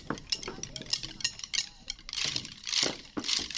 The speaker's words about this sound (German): Die beiden Musiker geben den Takt vor. Ich klicke euch was vor auf den Stöcken und dann möchte ich, dass ihr diesen gleichen Rhythmus mir nachtrommelt.